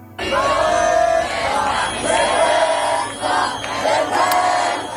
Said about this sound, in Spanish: Al grito de vergüenza y de huelga general se dirigían de nuevo a la Puerta del Sol, donde todavía miles de personas permanecen acampados a la espera de ver los siguientes pasos.